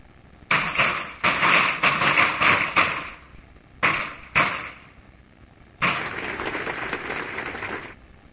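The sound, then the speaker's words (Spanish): An audience breaks into applause in memory of a politician's legacy, in three bursts: a long first round of clapping, a brief lull with a couple of short flurries, then a second sustained wave of steady clapping. “Por eso les pido, brindemos un fuerte aplauso en memoria de su legado.”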